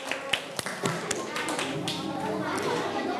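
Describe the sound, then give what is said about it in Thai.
A group of students in a classroom claps for a classmate, starting with a few scattered sharp claps that quickly build into a steady, dense round of applause, with voices chattering faintly underneath. “ทุกคนปรบมือให้เพื่อนหน่อย”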